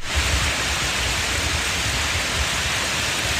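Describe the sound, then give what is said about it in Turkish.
Heavy rain pours down in Edirne in a steady, dense, loud roar that floods roads and streets, with a deep low rumble beneath the hiss of water striking surfaces. No voices are heard. “Edirne'de şiddetli yağış sele yol açtı.”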